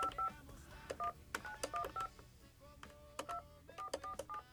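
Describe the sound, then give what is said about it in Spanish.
A rapid series of telephone keypad tones, short dual-pitched beeps in uneven bursts, as a number is dialed; clear, with a faint background hum and no talking. “Híjole, ya están marcando de ahí, pero creo que ese también tiene el número.”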